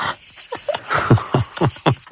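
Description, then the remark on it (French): A steady, high-pitched cicada buzz drones throughout, pulsing slightly, with a series of lower rhythmic clicks or chirps repeating roughly four times a second underneath. “Écoute-toi les cigales.”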